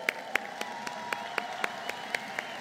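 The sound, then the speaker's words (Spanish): Audience applause for Mauricio Curi of Querétaro, who is present, in a steady, even rhythm, about a dozen crisp claps landing roughly four per second over a low constant hum, with no voices. “Nuestros gobiernos estatales, de don Mauricio Curi en Querétaro, por cierto, aquí presente, a quien le damos un inmenso aplauso.”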